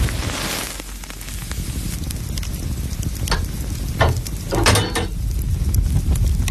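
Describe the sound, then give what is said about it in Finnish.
A wood fire crackles steadily in a sauna stove as it heats up, with a constant low roar beneath scattered sharp pops and snaps, a few louder bursts standing out. No one speaks. “Sieltä se lämpiää. Lempeä löylyinen saunan kiuas.”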